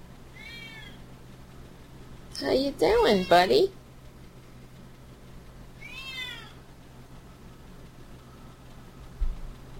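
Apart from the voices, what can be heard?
cat meowing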